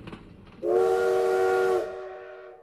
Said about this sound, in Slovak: Toto bol posledný vlak, ktorý pustili z Bratislavy.